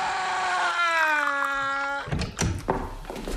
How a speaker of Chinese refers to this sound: 片刻，一个彪形大汉推门走了进来。